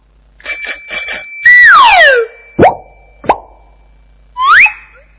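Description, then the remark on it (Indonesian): A bright bicycle bell rings several times in quick succession, then holds one ringing tone, followed by sliding, whistle-like tones and a few sharp plopping sounds, clear with no talking. “Sepeda.”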